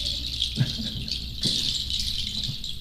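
A dense, high-pitched chorus of birdsong chatters steadily, forming a continuous shimmering wash, with a couple of soft low thumps underneath.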